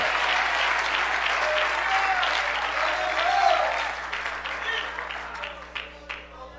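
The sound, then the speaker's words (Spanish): Loud applause from a large crowd in thanks to God, a dense steady roar of clapping that holds for several seconds before thinning out into scattered individual claps at the end. “Alguien le da un fuerte aplauso en agradecimiento a ese Dios.”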